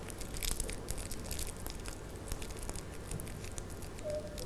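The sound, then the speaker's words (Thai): Continuous crinkling and crackling of paper being crumpled by hand by children, who put the crumpled paper into a basket to make fish scales, with dense irregular rustles and sharper snaps throughout, no voices. “เด็กๆนะคะเลือกกระดาษที่เด็กๆสนใจได้เลยและให้เด็กๆนะคะขยำกระดาษใส่ไว้ในตะกร้าค่ะกระดาษที่เด็กๆขยำวันนี้นะคะเราจะทำเป็นเกล็ดปลาค่ะ”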